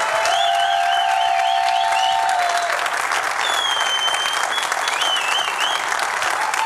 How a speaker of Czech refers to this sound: pojďme prosím úplně všichni, kdo jste sem za námi přišli, a koukám, že vás je docela dost, velkým potleskem přivítat běžkyni na lyžích a biatlonistku, trojnásobnou stříbrnou medailistku z paralympijských her v Miláně a Cortině Simonu Bubeníčkovou.